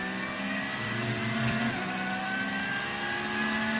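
The engine of the Losch Motorsport Porsche, an SP9-class race car, drones loudly and steadily with a harsh, buzzing mid-range tone, its pitch shifting slightly midway as the car runs by during the race. No one speaks.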